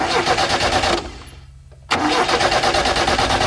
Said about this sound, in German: Na, wer von euch kennt dieses Geräusch? Und ausgerechnet das am Morgen, wir wollen schnell zur Arbeit und das Auto springt nicht an. In der Werkstatt heißt es dann Marderschaden.